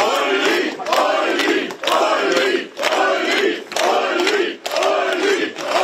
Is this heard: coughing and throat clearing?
no